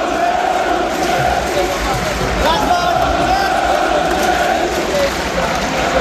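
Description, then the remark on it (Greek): A huge football stadium crowd chants coach Răzvan Lucescu's name in unison, a dense, steady roar of many voices with a sustained sung tone running through it, loud and unbroken for the whole stretch. “όλο το γήπεδο φώναζε Ρασμάν Λουτσέσκου.”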